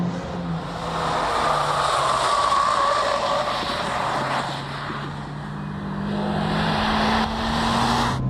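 The engine of a front-wheel-drive hot hatchback drones steadily and loudly at high revs on a race track, its pitch shifting gradually as it accelerates, with wind and road noise filling the background and no talking.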